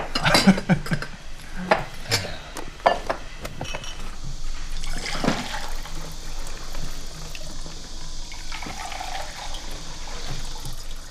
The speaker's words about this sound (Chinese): 我先给你倒些水。 行行行， 没有茶喝些白开水。